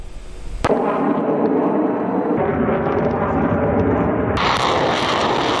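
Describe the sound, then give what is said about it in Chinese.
A sudden heavy blast erupts into a loud, sustained rumbling roar, with further booming surges as the barrage continues, from an air and ground fire long-range strike during the multinational Center-2026 joint strategic exercise in Chelyabinsk, Russia. No one speaks. “随着演习正式展开，先期空地火力对敌实施远程打击，无人机蜂群也迅速升空，对敌前沿目标展开多批次空中抵近侦察，为地面战斗群精准提供目标信息。”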